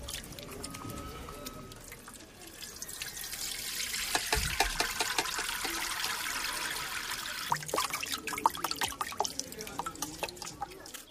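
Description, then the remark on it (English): Wet sloshing and dripping as ground mangara paste is kneaded finely and dissolved in water, with steady splashes and trickles running throughout, growing busier toward the end. “It is then kneaded as finely as possible, as it must be dissolved in water.”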